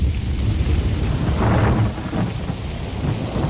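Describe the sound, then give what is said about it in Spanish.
Steady rain hisses across the whole stretch while deep thunder rumbles low and heavy, swelling to a louder roll midway before easing back into the downpour. “Un placer reencontrarte contigo siempre, Cristina, tras la tormenta y cuando el cuerpo aún está notando la humedad alrededor.”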